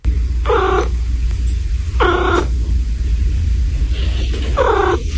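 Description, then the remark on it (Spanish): A cat makes three short, trilling chirps, a sound between a meow and a purr, each about a third of a second, spaced roughly evenly apart over a steady low rumble, with no talking. “Lo que pasa es que hay un sonido de los gatos que está a medio camino entre el maullido y el ronroneo. Y ese es el gorjeo.”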